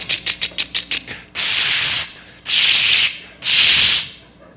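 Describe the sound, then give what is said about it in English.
A voice mimics a spray paint can being used to tag a house in a gated community: a quick run of about nine short clicking bursts, like shaking the can, then three long, loud hissing sprays with brief gaps between them. “So I went up, got a can of spray paint in my little gated community I grew up in.”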